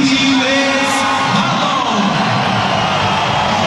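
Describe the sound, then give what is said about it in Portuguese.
A large stadium crowd of Grêmio fans roars and cheers as player Wallace, number 82, is announced, in a steady, loud wash of noise, with scattered yells and whoops rising above the dense, continuous din. “Esse aí vai ser bem aplaudido, hein? Caiu nas graças da torcida, né?”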